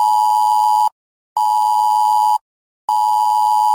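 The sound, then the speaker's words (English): A loud electronic emergency alert tone from a mobile phone, part of a planned UK government test of the emergency alerts system, sounds in three long, steady bursts of just under a second each, separated by short silences, with no voices present. “You'll get an alert like this on your mobile phone.”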